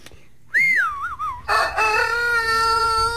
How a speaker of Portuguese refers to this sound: põe nosso galo pra cantar aí